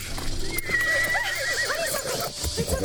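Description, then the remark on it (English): A horse whinnies in a long, wavering, high-pitched call lasting a few seconds, with hoof clatter and rustling underneath throughout. “The horse doesn't see it.”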